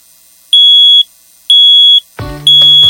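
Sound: smoke detector alarm beeping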